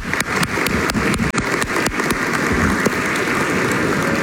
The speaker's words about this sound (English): Let's go ahead and give them and other seniors a round of applause.